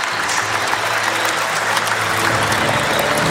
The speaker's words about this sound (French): on entend les applaudissements du public de Marcel Picot.